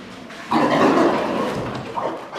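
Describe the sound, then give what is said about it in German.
Pigs with their curly tails intact grunting in a barn just after the light is switched on: one loud, rough, drawn-out grunt that fades gradually, then a shorter grunt near the end, with no talking. “Jetzt schauen die Schweine sie neugierig an, die Ringelschwänze aufgestellt”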